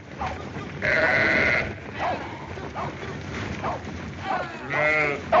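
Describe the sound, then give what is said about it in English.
A flock of sheep being driven along by herders, bleating, with several overlapping wavering calls rising and falling, including a long loud bleat early and another near the end, over a steady outdoor background. “Come on, get them sheep moving.”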